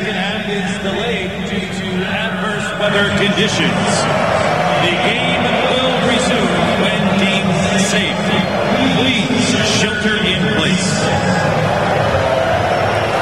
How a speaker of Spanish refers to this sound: pero el abucheo de la gente no es un buen augurio.